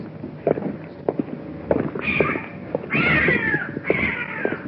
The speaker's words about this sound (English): Good cat. What is that? It's a cat. Is that what it is?